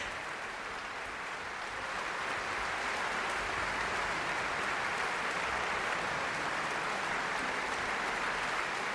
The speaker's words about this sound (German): Das war das Estonian Festival Orchestra mit seinem Gründer und Leiter Paavo Järvi. Und sie stehen jetzt hier alle und bekommen begeisterten Applaus in der ausverkauften Musik- und Kongresshalle Lübeck.